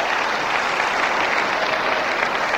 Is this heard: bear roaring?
no